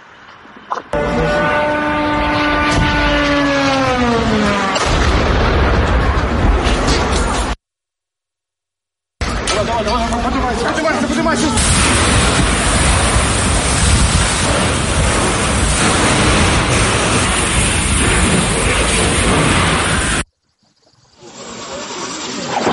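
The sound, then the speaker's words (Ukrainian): A sudden, loud roaring blast from a strike on warehouses comes in with a falling, whistling whine over it. After a brief cut, a long, steady, hissing roar of rumbling noise continues before fading lower. “У мережі з'явилось відео моменту прильоту по складах та роботи ДСНС.”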